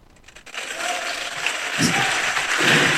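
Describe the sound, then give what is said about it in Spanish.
An audience claps loudly, a dense wash of applause that swells after a quiet first half-second and keeps building, with a few voices calling out within it. “Si ese aplauso es para él, de lo más fuerte.”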